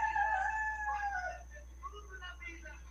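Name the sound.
rooster crowing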